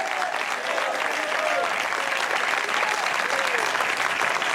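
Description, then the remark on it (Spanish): An audience at a church service applauds the Lord loudly and steadily, a dense wash of clapping for several seconds, with faint voices calling out underneath. “Dale un fuerte aplauso al Señor si está alegre.”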